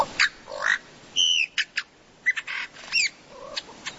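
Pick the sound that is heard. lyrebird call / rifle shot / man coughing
lyrebird call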